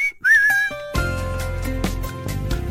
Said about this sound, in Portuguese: Tenho a certeza absoluta que muita gente aprendeu a assobiar à conta desta música